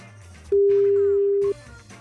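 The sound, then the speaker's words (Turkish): A single steady telephone ringback tone sounds for about a second, loud and clear, as a radio host dials a listener's phone number, with faint background chatter before and after it. “Numarasını tuşladık. Telefon çalıyor.”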